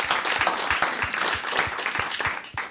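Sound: applause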